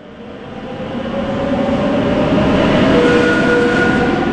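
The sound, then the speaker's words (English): A train travelling north of Madrid, Spain, toward Alcobendas rolls along the rails with a steady, dense rumble that swells slightly, thin metallic whining tones riding on top. It sounds continuous, with no voices. “A short train ride north of Madrid is the municipality of Alcobendas.”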